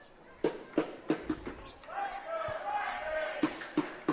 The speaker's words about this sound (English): So you can hear the crowd getting into it early.